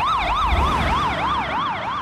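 A loud emergency siren passing by, its pitch shifting with the Doppler effect, warbles rapidly up and down in steady cycles, with a low traffic rumble underneath and no voices.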